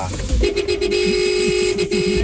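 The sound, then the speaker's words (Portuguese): Truck horns blare in one long, steady blast as truckers leave the port area in Baixada Santista, heard over a phone call to Band FM radio in the early morning. The sound is thin and narrowband, with muffled voices and background noise underneath. “Olha o buzinaço.”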